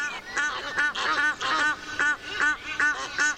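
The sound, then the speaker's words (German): A crowd of geese honking inside a church, nasal calls overlapping and repeating in quick bursts without pause, fairly loud, with no voices present. “stehst in der Kirche und da sind 20 Gänse drinnen, weil das so ein Sound war.”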